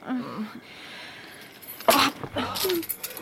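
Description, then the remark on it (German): Keys jangle in two quick, bright bursts, a metallic clink followed by a longer rattle as they change hands, with some faint vocal sounds in the background. “Gib mir den Schlüssel.”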